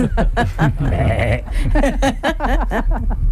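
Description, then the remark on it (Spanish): A goat bleats loudly, several wavering, tremulous cries in quick succession that fill the whole moment, with a faint chuckle mixed in. “¿Y la cabra lo bien que lo ha hecho?”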